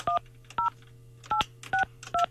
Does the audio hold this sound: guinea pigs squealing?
no